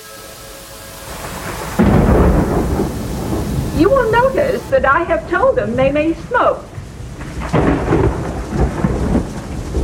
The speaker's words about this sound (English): I must ask you to forgive their condition, to believe that they are waiting out a storm.